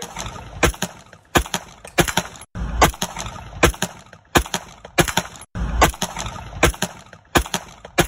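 A burst of gunfire heard in a video: well over a dozen loud, sharp cracks fired at an uneven pace, some in quick pairs, with brief gaps between. No voices can be heard.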